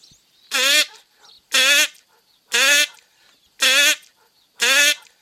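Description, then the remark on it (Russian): A person imitates a drake calling to a duck, practising quacks as signals, five loud, nasal calls repeated at a steady rhythm with short pauses between them, with no other sounds around. “Так Селезень утицу подзывает.”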